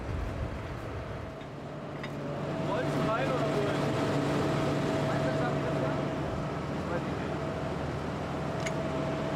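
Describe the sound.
The engine of a stuck tractor drones steadily with a low, harmonic hum that swells louder partway through, as if straining under load, with faint indistinct voices in the background.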